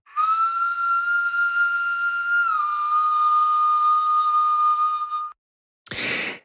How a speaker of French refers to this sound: 46 000 ans, 60 000 ans, en tout cas, c'est plusieurs dizaines de milliers d'années. C'est une flûte slovène qui a été trouvée à Dioulé, Babé, et on écoute ce très vieil instrument.